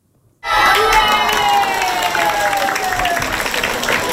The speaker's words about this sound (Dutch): En burgemeester Hein van der Loo die kwam het boek voorlezen op basisschool De Taaltoon. En hij werd daar met luid applaus ontvangen. Luister maar.